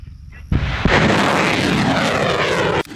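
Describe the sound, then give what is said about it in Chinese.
Long-range rocket artillery launching at floating targets at sea during a live-fire drill, after a countdown: a sudden blast, then a second close behind, building into a loud, sustained roaring whoosh of rocket motors that cuts off abruptly after a couple of seconds. No voices. “随着发射指令下达，火箭弹精准覆盖目标”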